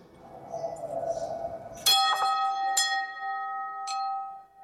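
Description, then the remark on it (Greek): A large bell in an exhibition is struck loudly, its first clang ringing out after a murmur of background noise, then a few more strikes follow while the deep, metallic tones keep resonating. “λόγω του μεγέθους της ακούγεται πολύ δυνατά.”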